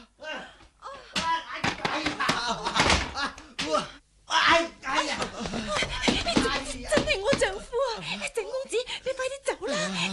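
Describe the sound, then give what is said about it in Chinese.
Repeated loud banging on a door by a returning husband demanding it be opened, a rapid series of heavy thuds mixed in with agitated, overlapping voices that talk and shout throughout. “好，我即刻由墙头落翻去，踢门入去捉住你哋呢对奸夫淫妇先至得。开门！”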